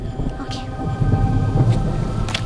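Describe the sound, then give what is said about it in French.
Steady rain hisses throughout while a low, rolling rumble of thunder swells and lingers underneath, moderately loud and continuous with no clear breaks. “Dès que la pluie cessera, nous passerons à l'action.”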